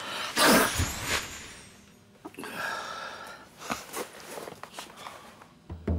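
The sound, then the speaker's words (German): One sharp sneeze bursts out near the start, followed by a few seconds of quieter rustling and shuffling movement with no one talking. “Gesundheit.”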